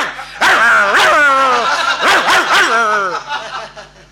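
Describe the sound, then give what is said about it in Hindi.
A dog that came onto a stage during a performance gives a string of loud yipping barks in quick bursts, with some drawn-out whining yelps between them and no other sounds behind. “कहले ये घर का किसका घर का कुत्ता है भाई जो स्टेज पे आ गया?”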